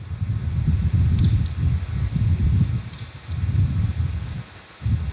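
Faint, scattered chirps from birds flying around near a huckleberry patch pipe up a handful of times over a steady low outdoor rumble, like wind or rustling, with no one speaking.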